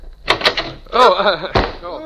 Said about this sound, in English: Shh. Somebody is listening at the door. I'm going to open it up real quick.